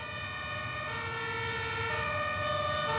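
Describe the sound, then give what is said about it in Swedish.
Sirens of six or seven fire engines and a command vehicle, arriving one after another, blare steadily and loudly in a dense, layered wail, growing slightly louder over a low road rumble. No one speaks. “Så vi ställde oss i slänten och man börjar se brandbilarna börjar komma ner där.”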